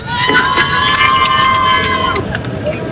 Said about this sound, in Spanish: Ahí se escuchan los gritos de los marplatenses que están, pero como locos.